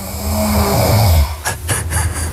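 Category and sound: human body sound, person snoring in sleep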